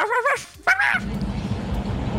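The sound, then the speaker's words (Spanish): A person imitates a dog barking, giving two quick, harmonic "woof" sounds in a row, followed by a steady low rumbling background noise. “Yo mando puro guaf.”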